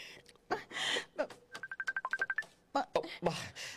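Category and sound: signal or alarm, mobile phone ringing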